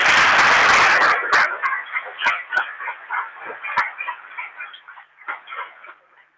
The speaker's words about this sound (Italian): ma siete contenti di aver ricevuto Gesù? Non lo sento. Facciamo un applauso.